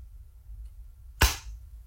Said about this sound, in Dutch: Het geluid van een doosje waar oortjes in zitten. En dat klapt dan dicht. Ja, dit zijn de goede geluiden. Dat zijn echt geluiden uit het dagelijks leven.